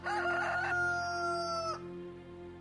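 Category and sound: bird, rooster crowing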